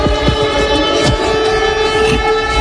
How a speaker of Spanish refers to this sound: Esto que estamos escuchando son las sirenas antiaéreas de Lublin, en Polonia, que se han activado ante la posibilidad de que uno de esos misiles pudiera haber ingresado en el espacio aéreo polaco.